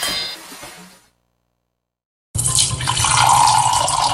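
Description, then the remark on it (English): Water runs steadily from a tap, a broad rushing hiss that starts abruptly after a short silence and holds loud, preceded by a brief softer splash with faint clinks. “Water, the very essence of life.”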